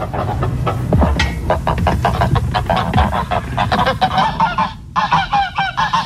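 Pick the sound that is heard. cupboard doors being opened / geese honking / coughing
geese honking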